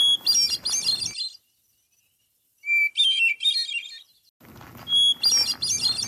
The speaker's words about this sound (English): So that's hermit thrush.